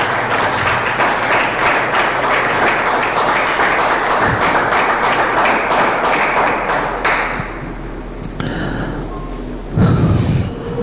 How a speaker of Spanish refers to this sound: Se merece un aplauso. Ese Dios.